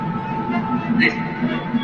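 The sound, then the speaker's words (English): A steady, sustained train whistle tone holds through the whole moment with a low rumble beneath it, and a brief brighter, higher burst cuts in about halfway through. “I thought I heard a train whistle.”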